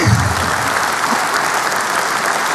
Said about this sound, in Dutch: Applaus.